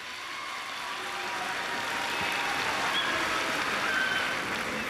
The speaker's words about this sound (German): Einen großen Applaus für Matthias. Wo bist du? Da, da ist er. Hier, zeig dich. Ein Applaus.